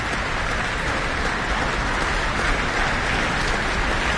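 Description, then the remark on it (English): Sustained, dense applause from a large concert audience and orchestra after a Mozart performance, a steady hiss-like wash of many hands clapping at an even loudness throughout, with no voices standing out. “And with audience and orchestra applauding, he's back on the stage with our guest conductor tonight, Sami Rachid.”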